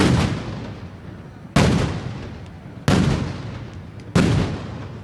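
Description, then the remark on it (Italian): Loud firework explosions boom at a festival as they are set alight, in a steady sequence, four big blasts roughly every second and a half, each with a long rumbling decay echoing out, no voices. “attenzione perché stanno proprio dando fuoco in questo preciso istante, parte la grande festa con i grandi botti che inizierete a sentire e qua ci vorranno davvero i tappi.”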